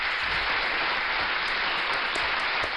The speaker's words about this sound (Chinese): 看来今天的这个校园安全的知识，还有心理健康的问答，你们都闯关成功啊！给你们再一次大大的掌声。